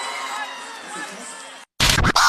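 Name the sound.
audience applause and cheering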